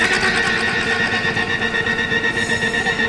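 A machine gun fires in a loud, unbroken stream of rapid rattling shots, a steady mechanical clatter that runs for about three seconds with no voices.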